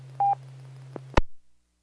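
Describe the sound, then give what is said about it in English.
A short electronic telephone beep sounds over a steady low hum, followed by a faint click and then an abrupt clunk as the line cuts to silence. “I've got a phone call.”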